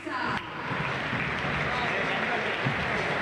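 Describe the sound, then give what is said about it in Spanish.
A large stadium crowd applauds Galván, another youth player from River Camp, in a steady, dense wash of clapping and cheering that holds at an even level for a few seconds, with indistinct voices mixed into the roar. “Aplausos para otro pibe de River Camp.”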